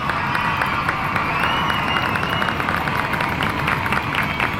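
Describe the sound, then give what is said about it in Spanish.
A crowd applauds steadily, a dense wash of clapping that holds at an even loudness for several seconds, with some cheering and a few high whistling tones mixed in. “Un aplauso, por favor, desde pero, la aldea.”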